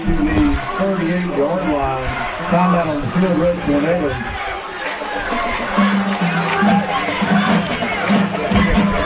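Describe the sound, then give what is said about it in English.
The West Iredale football crowd yells and shouts at the broadcast booth, worried about the game clock: many overlapping voices in a loud, continuous roar of chatter and cheering that stays steady throughout. “Oh, we got the West Iredale crowd giving us the business. They're yelling at us, worried about the clock.”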